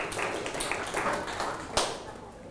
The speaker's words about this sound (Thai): โอ้ยอดเยี่ยมเลยครับขอเสียงปรบมือให้กับเพื่อนๆหน่อยครับ